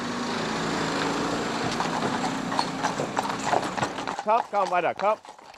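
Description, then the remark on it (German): The hooves of four horses being driven and reined in clip-clop in a steady, uneven rhythm over a constant background rumble, fairly loud, before a man's voice starts talking near the end. “4 Fluchttiere zu zügeln, das ist nie so ganz ohne.”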